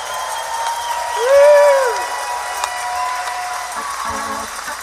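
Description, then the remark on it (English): A theater audience at the Capitol Theater, during a live WWOV 101.1 FM radio broadcast of the Wheeling Jamboree's 86th anniversary, applauds steadily for about five seconds, with a loud rising-and-falling cheer or whoop cutting through the clapping early on and scattered shouts beneath. “We've got a nice crowd here this evening.”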